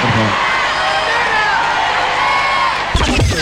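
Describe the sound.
Loud, sustained applause from an audience with scattered cheers and whoops, a steady wash of clapping for about three seconds before it cuts off abruptly and a voice begins.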